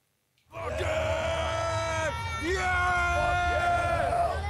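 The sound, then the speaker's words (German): A large crowd of heavy metal fans at the Wacken Open Air festival screams and yells together on opening day, loud, many voices overlapping in sustained cheering shouts that start abruptly after a brief silence and continue without pause. “Und diese Freude, die pusten sie dann raus in Form von Geschrei am Eröffnungstag.”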